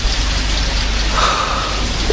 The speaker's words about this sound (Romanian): Mi-ar fi trezit pe amândoi furtuna. Ea s-ar fi speriat de tunet, iar eu luând-o în brațe și șoptit: nu-ți fie teamă, sunt aici.